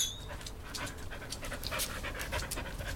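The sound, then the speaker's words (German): A dog that has been taught to dance pants rapidly and steadily, quick breathy huffs repeating in an even rhythm for a few seconds with no one speaking. “Wie haben Sie eigentlich diesem Hund das Tanzen beigebracht?”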